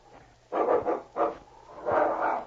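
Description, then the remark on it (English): A dog barks in a quick run of about four sharp barks, the last one drawn out longer, as it attacks a man lying in the snow, with no one talking. “Look out for that dog.”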